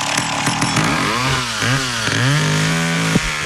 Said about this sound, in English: Good morning from South Dakota. Don't mess with a guy in his 70s with a chainsaw.